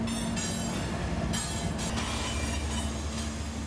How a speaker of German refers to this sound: Aber hektisch und laut ist es auch hier. Direkt am Ufer verläuft eine Güterzugstrecke, auf der gerade ein 100-Wagen-Zug minutenlang alle Übergänge blockiert.